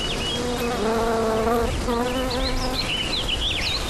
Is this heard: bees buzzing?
yes